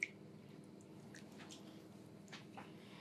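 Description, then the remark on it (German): Soft, wet squishing as sausage meat squeezes out of a filler tube, a steady low churning with scattered faint moist squelches and small clicks, quiet, no talking. “Und jetzt kommt das erste Brät unten raus.”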